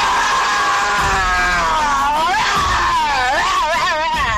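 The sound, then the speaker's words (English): A person imitates a roar with one long, loud, strained vocal cry lasting several seconds. Its pitch wavers, dips and swoops upward in rough glides. “Here goes my roar.”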